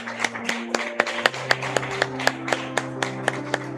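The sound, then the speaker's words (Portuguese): Steady rhythmic clapping, sharp claps about four per second in even unison, applauding those honored with the Doutor Narciso Gomes medal, plays over low sustained musical tones. No one speaks. “Peço uma salva de palmas a todos os homenageados com a medalha Doutor Narciso Gomes.”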